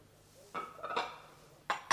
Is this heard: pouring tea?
yes